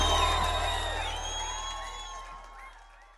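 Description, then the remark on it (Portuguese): A large crowd, asked to shout if they liked it, shouts "ui" together in a loud, drawn-out collective cry that rings out and gradually fades over about three seconds. “Quem gostou, grita ui!”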